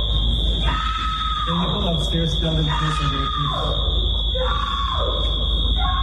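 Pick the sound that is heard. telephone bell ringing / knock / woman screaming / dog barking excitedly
woman screaming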